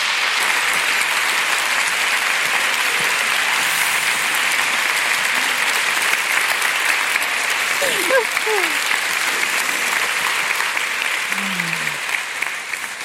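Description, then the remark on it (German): A large audience in Frankfurt claps steadily and loudly for the full stretch, welcoming authors Cornelia Funke and Jagoda Marinic onto the stage; a dense, even wash of applause with faint voices briefly surfacing near the middle and end. “Und jetzt bitte ich Sie, Frankfurt, Cornelia Funke und Jagoda Marinic mit einem gebührenden Applaus zu begrüßen.”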